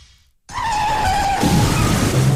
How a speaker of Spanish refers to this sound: Maíta, que le da un restregón al coche aparcando.